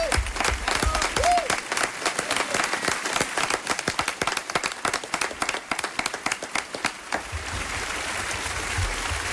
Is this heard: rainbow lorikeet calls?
no